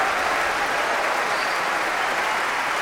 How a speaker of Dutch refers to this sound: En opnieuw een groot applaus voor Solgabetta. Ze buigt hier voor dit enthousiaste publiek. Groot applaus ook van de muzici van het Concertgebouworkest voor haar.